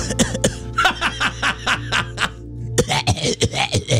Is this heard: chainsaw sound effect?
no